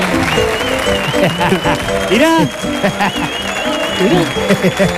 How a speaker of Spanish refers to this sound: Fuerte el aplauso